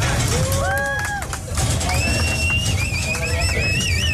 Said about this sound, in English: Then, the moment they had been waiting more than a year for, cowboys herded cattle from Mexico to the U.S. side and into corrals.